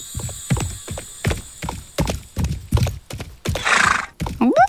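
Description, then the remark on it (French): Rhythmic clip-clop of galloping hooves beats steadily, then a horse lets out a loud, shrill whinny with a rising, wavering pitch. No one speaks. “Il voit un nuage en forme de cheval.”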